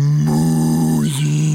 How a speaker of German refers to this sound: Jetzt die Kuh, die gefräßige Kuh, kann es nicht unterlassen, auch etwas dazu zu sagen, als sie plötzlich Musik hörte.